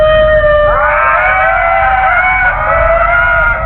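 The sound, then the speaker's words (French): Ring-tailed lemurs calling, several eerie, wavering wails overlapping in a continuous chorus, loud over a low background rumble. “Les makekata font partie de la famille des lémuriens que l'on appelle également lémures.”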